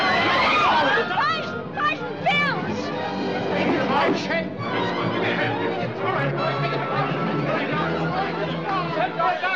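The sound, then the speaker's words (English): A dense, agitated crowd murmurs and talks over one another at once, a steady loud babble of many overlapping voices with sharper raised exclamations rising out of the din throughout. “I can't control this crowd all by myself.”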